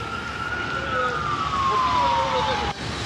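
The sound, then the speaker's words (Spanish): An ambulance siren from SAMU wails steadily, its pitch gliding slowly downward as if the vehicle is passing, loud over a constant wash of street traffic noise, as it carries an elderly person hit by a vehicle at the corner of Picarte and Huemul streets in Valdivia. “En estos momentos, una ambulancia del SAMU traslada a esta persona, aparentemente un adulto mayor, que fue atropellado en la esquina de Picarte con calle Huemul.”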